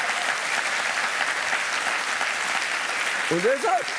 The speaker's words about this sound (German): Komm mal klatschen. Da.